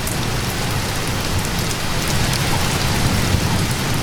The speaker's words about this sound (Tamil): பாட தொடங்கும் பொழுது மழை பெய்ய தொடங்குகிறது.